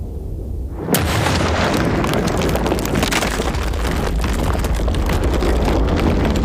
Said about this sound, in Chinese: 这座当时中国最重要的飞机制造厂被他的建设者亲手炸毁，这一炸让中国人几十年的航空救国梦变得愈发遥远。